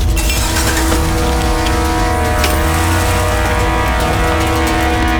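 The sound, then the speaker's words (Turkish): A heavy truck engine rumbles loudly and steadily, a deep droning idle with a constant mechanical whine and no voices over it. “Bu kamyonu buradan çekin.”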